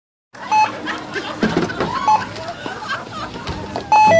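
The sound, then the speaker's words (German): A store checkout age-verification alarm, the youth-protection alert for alcoholic drinks and cigarettes, beeps a few times, with short electronic tones repeating over busy store background noise and faint chatter, ending in a louder double beep. “Der Alarmton bei alkoholischen Getränken und Zigaretten, Jugendschutz.”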